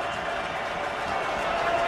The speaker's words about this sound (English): Crowd rising on this fourth down.